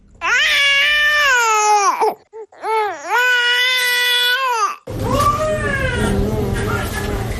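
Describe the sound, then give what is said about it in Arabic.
A hungry infant cries loudly in long, drawn-out wails with brief breathy catches between them, signalling to the mother its hunger and need to breastfeed. The last stretch continues over a noisier background. “الصوت ده بأكد للأم رغبة هنت الطفل وحجة للرضاعة”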